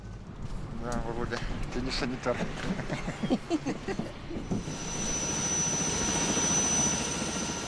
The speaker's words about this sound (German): Und dieses Flugzeug fliegt jeden Tag mehrere medizinische Einsätze. Es befördert schwangere Frauen zu Routineuntersuchungen und zur Entbindung ins Krankenhaus.